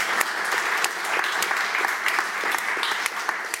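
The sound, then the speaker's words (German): Steady audience applause for an art explainer, a dense wash of many hands clapping with crisp transient spikes throughout, sustained at an even, fairly loud level for a few seconds with no one speaking. “Einen großen Applaus für unsere tolle Kunsterklärerin.”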